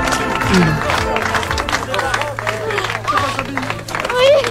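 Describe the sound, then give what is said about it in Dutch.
A crowd claps steadily throughout at the homecoming of a 12-year-old girl reuniting with her mother, mixed with hugging and overlapping excited and emotional voices calling out, the clapping forming a dense, continuous wash beneath the chatter. “Ja, je ziet volop geknuffel, emotionele stemmen overal, uiteraard ook applaus.”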